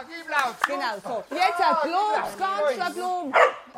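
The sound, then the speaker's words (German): A female dog trainer imitates a dog's barking with a series of short, loud, voiced yelps and woofs in quick, uneven succession, with no other sounds, to encourage a hunting dog to bark at fenced wild boars. “Das Bellen, das zu hören ist, kommt von Hundetrainerin”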